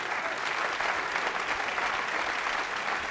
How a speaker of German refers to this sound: Und wie Sie hören, der Applaus wollte nicht enden.